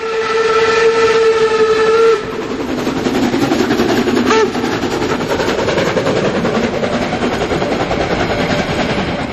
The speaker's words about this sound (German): Und hier stampft die Dampflok der HSB den Berg hinauf, kurz vorm Bahnhof 3 an den Hohne.